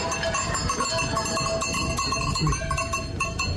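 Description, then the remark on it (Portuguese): Many cowbells clang and jangle continuously and fairly loudly as a herd of about 60 to 70 cows is driven up to the mountains to graze in the traditional Vezeira, with the metallic tones overlapping in a dense, uneven rhythm and no talking. “trazemos as vacas para levar para a serra, devemos estar aí à volta de 60, 70.”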